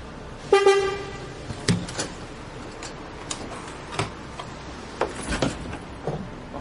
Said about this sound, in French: Le bus est là.